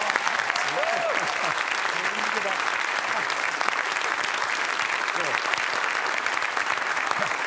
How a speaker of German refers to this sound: Deswegen begrüßen Sie bitte mit einem donnernden Applaus